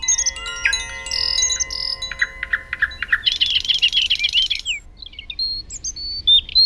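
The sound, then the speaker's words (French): Several neighbourhood birds come to eat at a cardboard birdhouse, chirping and tweeting in a lively overlapping chorus with high whistled notes and rapid trills. A faint low background rumble, and no one speaking. “Maintenant, tous les oiseaux du quartier viennent manger dans la maison en carton que Tout doux a fabriquée avec ses petites pattes musclées.”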